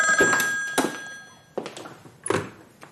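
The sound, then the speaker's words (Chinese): A telephone bell rings in an office at the police department with a steady, sustained metallic tone, mixed with a few dull thumps and knocks, like a door or footsteps. No one speaks. “周乙刚走进自己的办公室，电话铃便响了起来。”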